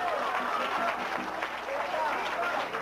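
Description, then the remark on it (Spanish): A church audience applauds Christ, bursting into steady, dense applause, many hands clapping at once in a loud, even wash of sound with scattered voices mixed in. “¡Un aplauso a Cristo, que es bueno!”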